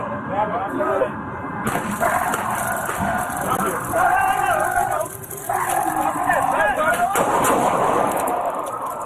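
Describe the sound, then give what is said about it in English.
Several sharp gunshots crack through a chaotic, noisy scene, mixed with overlapping shouting voices and a constant harsh hiss, recorded on police body camera footage as officers confront a woman with a knife. “I'm sure you still heard the gunshots being fired.”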